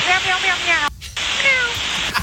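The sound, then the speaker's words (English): Two drawn-out, wavering meows, regional jet pilots imitating a cat, come over a hissy, tinny radio channel between pilots and air traffic control, split by a brief dropout of the signal. “Okay, so they're meowing, RJ's. They're barking.”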